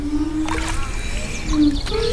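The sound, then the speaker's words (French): A ceramic piece, hung from the end of a fishing-rod-like pole and dipped in water as part of a musical artwork, gives off a low, resonant hum that fades and returns, over gentle water sloshing, with birds chirping faintly in the background. “Et c'est le contact avec l'eau qui donne le son.”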